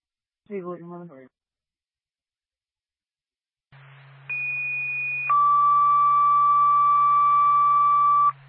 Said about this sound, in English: Twin State, Franconia Fire Department, second tone, general alarm. 37 Aspen Road in Franconia for electrical fire.